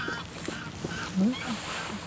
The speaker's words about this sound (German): Das sind die Graugänse.